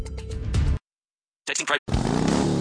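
A brand new 2026 Harley-Davidson motorcycle engine roars and revs in two loud bursts separated by a short silence, the second rev climbing in pitch and holding steady.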